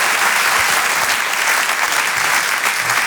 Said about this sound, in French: Je vous demande un tonnerre d'applaudissements également, s'il vous plaît, pour Haroun.